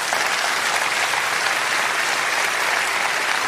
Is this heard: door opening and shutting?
no